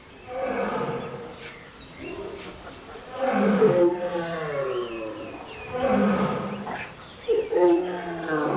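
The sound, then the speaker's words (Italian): Lions and tigers in zoo cages roar in a continuous run of deep, drawn-out growling calls, swelling loudly about three times over several seconds, resonant with no talking. “dall'altra parte leoni in piccoli monitor, leoni ripresi in gabbie, leoni, tigri. E l'unico suono che si sentiva umano era quello dello zoo.”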